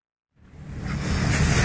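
After a brief silence, a steady roar of wind and rushing sea waves swells up and grows louder, heard aboard a ferry sailing across the sea.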